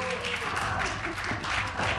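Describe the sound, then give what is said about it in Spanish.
A steady burst of clapping from a group, dense and even throughout, like an audience applauding a drill solo for a couple of seconds at a constant moderate loudness. “Aplauso para el solo de taladro.”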